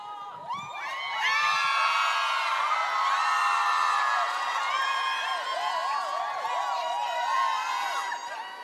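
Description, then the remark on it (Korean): A concert audience of many voices screams and cheers loudly and continuously as the singer drinks water on stage, with high-pitched shrieks and whoops rising and falling throughout, swelling in after a brief quieter start. “물만 마셔도 이렇게 소리 질러주시고 환호해주시고 이런 직업이 어디 있습니까 세상에.”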